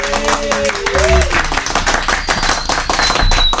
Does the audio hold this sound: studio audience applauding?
yes